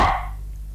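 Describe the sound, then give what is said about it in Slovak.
A single short, sharp dog bark sounds at the very start, moderately loud, then fades quickly into a low, quiet background hum. “Láhni si, psík môj, a nebreš.”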